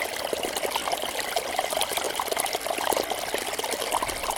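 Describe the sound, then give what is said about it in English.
A fast-flowing stream rushes and gurgles over stones in a steady, busy wash of water, continuous, with bright splashing bubbles throughout and no voices. “It's fast-flowing water, rushing over stones, gurgling.”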